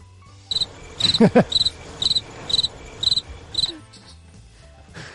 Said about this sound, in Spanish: Está bien traído lo de los grillos.